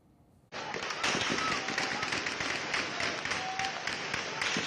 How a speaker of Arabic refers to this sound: ليلة على فيها صوت الرصاص في مدينة إعزاز شمالي حلب. إطلاق نار كثيف جاء بعد شجار بين أفراد من المدينة تطور إلى استخدام السلاح، ما استدعى تدخل قوى الأمن الداخلي لفرض الأمن واستعادة الهدوء إلى المنطقة.